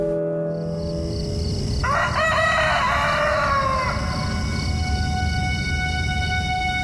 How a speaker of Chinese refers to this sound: 女曰鸡鸣，士曰媚旦